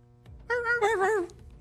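A dog lets out a single high, wavering whine lasting under a second, clear, with no voices around it, as it runs away crying in fear.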